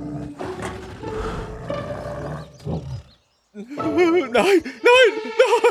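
A bear that has smelled food growls low and rough over rustling, clattering rummaging as it searches a hut for something to eat, then after a short pause lets out louder, wavering grunting calls.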